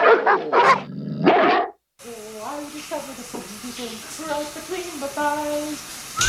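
Dogs bark loudly in a quick burst of three or four harsh, overlapping yelps, then stop abruptly; after a brief silence, people start talking.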